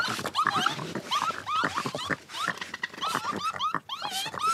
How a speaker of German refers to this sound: Die anderen Tiere sind alarmiert und in heller Aufregung wegen des Neuankömmlings. Noch einer? Waschbären sind und bleiben wilde Tiere. Okay. Jetzt gibt es erstmal Warngeräusche. Achtung, Gefahr.